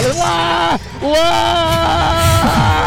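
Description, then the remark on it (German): A person screams on a tall fairground ride with a countdown, overlooking the Hannover region: a loud, sustained high-pitched cry that breaks off briefly, then resumes and holds for a couple of seconds, with faint crowd noise behind. “Ich liebe diesen Schrei.”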